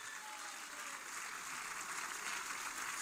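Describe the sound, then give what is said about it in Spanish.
A church audience clapping their hands in praise to the Lord, a dense, steady wash of applause that holds at an even, fairly loud level throughout with no voices standing out. “Palmas de alabanza al Señor.”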